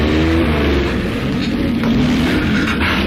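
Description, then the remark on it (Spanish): A loud rally car engine runs and revs in a Renault specialist workshop while its carburetion is checked for the Paris-Dakar rally, its deep throaty roar rising and falling in pitch with no voices over it. “En el taller especializado de la Renault, Proteo, metamorfoseado en el piloto Francisco Roquefort, supervisaba la carburación del auto con el que correría el rally París-Dakar.”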